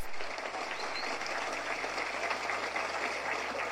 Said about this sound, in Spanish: A toda la gente de Capocú, al gran pueblo de Capocú, muchas gracias y un fuerte aplauso para el gran pueblo de Capocú.